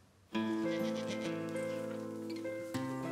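Goats bleating on a farm in Blaubach in the Nordpfälzer Bergland during the morning milking between 6 and 7: one long, loud, wavering bleat runs for over two seconds, and a second begins right after it. No one speaks.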